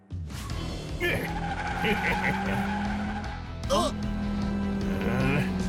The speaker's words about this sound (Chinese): 不，这次应该是真的。你听，有回音和引擎的声音，像是被关在车里。